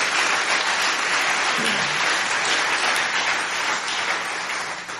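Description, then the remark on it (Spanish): A church audience applauds loudly, a dense, continuous wash of many hands clapping steadily for several seconds before easing slightly at the end. “Bien, den un aplauso fuerte, gloria a Dios.”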